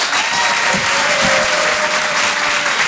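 An audience at the Rire et Chanson Comedy Club, live from the Folie Théâtre for the Open du Rire, applauds steadily to welcome a comedian: a dense wash of many hands clapping at a constant loud level throughout, with no pauses or individual voices standing out.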